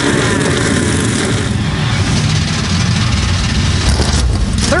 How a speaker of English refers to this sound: NASCAR Cup Series machines come to life for the first time in 7 years. We're about to put the green flag in the air in Chicagoland.